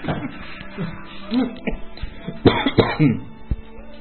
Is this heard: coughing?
yes